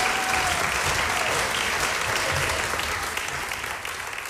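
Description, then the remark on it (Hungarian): Sustained audience applause welcoming performers onto a stage, a dense crackle of many hands clapping steadily at a fairly loud level, easing slightly toward the end with no voices on top. “Kérek egy nagy tapsot neki.”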